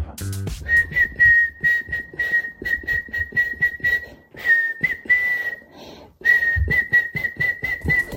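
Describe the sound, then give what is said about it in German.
A person whistles a pop tune, a steady run of clear notes in a bouncy rhythm, briefly pausing before picking the melody back up; no talking. “Pfeifen. Hörst du morgen wieder im Krone-Hit?”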